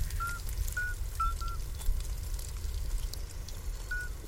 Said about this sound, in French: Et c'est pourtant un petit crapaud qui chante.